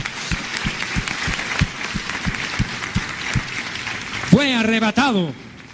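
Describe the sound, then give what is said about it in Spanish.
A crowd at a sermon applauds loudly for the Messiah, with steady clapping and a regular thumping beat underneath, then a voice lets out a long, rising and falling cheer over the applause near the end. “Denle un aplauso a él.”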